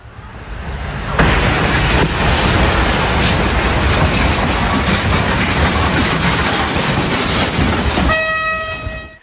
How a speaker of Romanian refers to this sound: Accident pe calea ferată în Polonia. Un tir blocat pe șine a fost lovit în plin de un tren de pasageri.